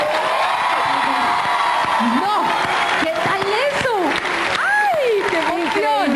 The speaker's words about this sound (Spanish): Yo solamente quiero que Colombia sepa y que le den un aplauso de bienvenida a la nueva voz de la ranchera.